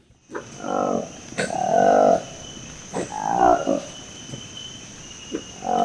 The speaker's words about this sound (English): Well, that's the dramatic sound of a new species of monkey that researchers have confirmed they found in the forests of a national park in the Democratic Republic of Congo.